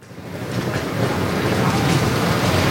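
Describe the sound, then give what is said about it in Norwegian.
Busy platform ambience at Oslo S station in Oslo, by track 19 where replacement buses leave for Lillestrøm and Gardermoen after a contact line fault stopped trains: a steady, dense rumble that swells slightly and then holds, with faint, indistinct murmur and no clear individual sounds. “Her fra spor 19 er det satt opp direkte busser for tog til Lillestrøm og Gardermoen.”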